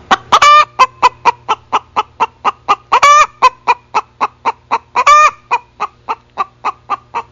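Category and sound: bird, chicken clucking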